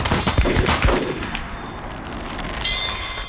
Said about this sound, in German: Nur Mut, Schwester. Anlegen. In die Wolken. Und Schuss.